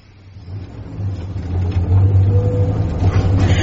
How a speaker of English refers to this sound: But listen to that engine. You can hardly hear it. It is like a little bee buzzing away somewhere in the distance.